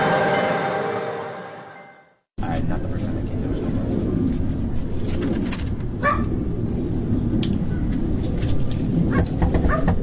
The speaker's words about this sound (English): They pulled the dog away. The dog would constantly be barking.